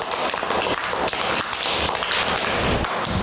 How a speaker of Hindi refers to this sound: Radio Madhuban इस तरह मंच देते रहेंगे और बच्चे बढ़ चढ़कर हिस्सा लेते रहेंगे, है ना बच्चे जी। सब खुद के लिए ताली बजाओ।